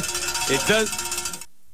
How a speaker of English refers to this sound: Thank you. Thank you for ringing the bell.